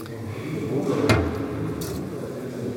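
A key turns in the lock of a small door, giving one sharp metallic clack followed by a brief, faint scraping rattle, all over a low, steady background murmur.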